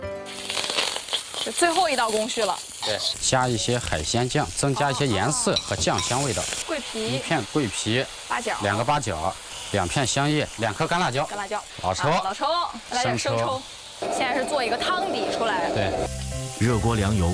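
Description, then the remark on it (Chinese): Steady hiss and crackle of a stuffed, deboned whole duck deep-frying in oil heated to about eighty percent, its skin puffing up and turning golden, runs throughout, sitting beneath a person talking almost continuously in the foreground. “油温八成热时，将鸭子入锅浸炸。”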